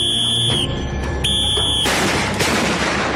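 A shrill, steady electronic tone cuts in and out before a loud firecracker blast erupts into a wash of crackling noise, followed by a second, softer burst, as a hornet exterminator in northern Spain blows up an Asian hornet nest with a firecracker-like charge.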